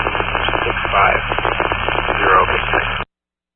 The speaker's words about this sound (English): There was some static, and then you cut in, I think, mid-dispatch.